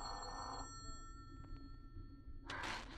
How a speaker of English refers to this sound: Why are you going to your extension? Answer the phone, Ruth.